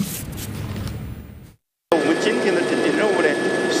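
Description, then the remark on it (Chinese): An emergency rescue helicopter's steady, loud rotor and engine roar, heard aboard as a reporter flies into Hupingshan Town, Shimen County, Changde, Hunan, after heavy rain damaged roads; a brief moment of silence, then the drone resumes with voices talking over it. “今天，总台记者搭乘应急救援直升机深入湖平山镇实地探访，来看记者从现场发回的报道。”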